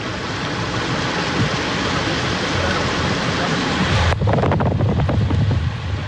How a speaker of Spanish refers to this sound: Ya está la ruta G16, ahí en la zona de Pudahuel, a las afueras de Santiago. Muchísima agua en ese estero, cerca del camino Los Echeverres. Mucha, mucha agua.